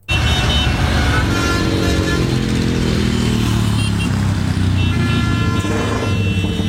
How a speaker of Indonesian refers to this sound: Suara motor kamu loh, berisik banget sih. Lagian kalau di undang-undang knalpot brong gini dilarang tahu, ganggu ketertiban umum. Lagian juga nggak menuhin standar laik jalan. Emang telinga kamu nggak sakit apa?